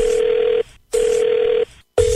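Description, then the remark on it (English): A telephone rings in short, evenly spaced electronic bursts, three pulses with brief silences between, loud, like a line ringing before someone picks up, at the start of a prank phone call. No one speaks. “So this lady thinks it's Google Earth, and her husband is winding her up with this phone call.”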